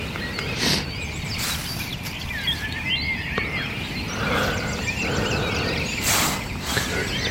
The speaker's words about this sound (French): Réveillé par les grives. Ça chante de partout, c'est encore plus impressionnant que le soir, le concert des oiseaux.